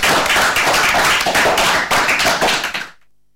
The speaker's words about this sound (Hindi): इससे पहले कि हम आपसे विदा लें, बजा देंगे आप सभी के लिए जोरदार तालियां।